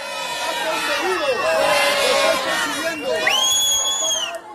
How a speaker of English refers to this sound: As protesters took to public squares